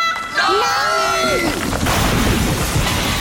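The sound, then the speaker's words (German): A wavering, cry-like tone glides for about a second, then a loud crash breaks into a long, rough clatter and rumble as a talking fridge, tickled on its foot, topples over. “Noch so eine blöde Bemerkung und ich lasse mich einfach umfallen.”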